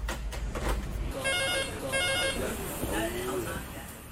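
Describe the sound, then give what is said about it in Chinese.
A telephone rings in two short electronic bursts, clear, over a busy background of chatter and kitchen bustle; reservation calls coming in to a restaurant. “疯狂舞事总算告一段落，但预约电话却从未停过。”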